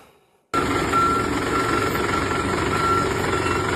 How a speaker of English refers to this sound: that is the sound, Jess, of a fire truck that is struggling to navigate the streets of Muirhead over the weekend